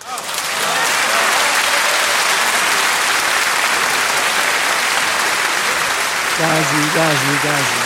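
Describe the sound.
Sustained, dense applause from a crowd, loud and steady throughout, with a voice briefly rising over the clapping near the end.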